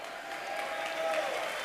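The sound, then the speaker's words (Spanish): An audience applauds in a steady, dense wash of clapping that holds at an even, moderate loudness for under two seconds, with no voices rising above it. “Los que no saben no aplauden.”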